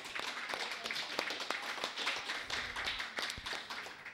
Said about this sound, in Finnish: Olisiko aplodit sille?